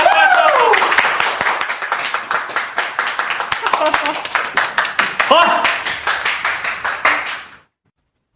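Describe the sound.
Several people clap together in a quick, dense, steady burst of applause lasting about seven seconds before it stops abruptly, with a few voices speaking over the clapping.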